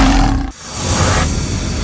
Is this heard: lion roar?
yes